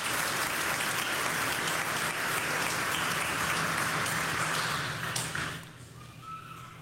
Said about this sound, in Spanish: Amén. Un aplauso al Espíritu Santo que está con nosotros.